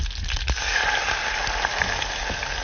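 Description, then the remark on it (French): Steady sizzling and crackling of spices frying in a hot pan, a dense hiss with scattered sharp pops and a few soft clinks, with no voices. “Là, ça crépite. C'est le moment.”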